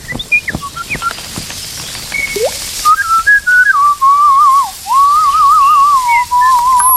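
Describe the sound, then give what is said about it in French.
A thrush sings loud and clear: scattered short chirps and whistled notes give way to a long, sustained warbling phrase that wavers up and down without pause. No one speaks. “Grive, tu l'as ?”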